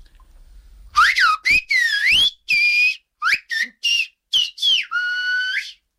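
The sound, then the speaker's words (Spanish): A person whistles a tune, a quick run of clear, sliding notes in short bursts that ends on a longer held tone, with no talking; the whistling is of Palo que trajiste, the theme of the program of that name. “¿me puedes silbar Palo que trajiste, bastante que te lleva el silbo?”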